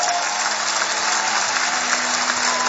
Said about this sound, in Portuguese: Temos esta noite aqui uma equipa fantástica de bailarinos. Um aplauso para eles.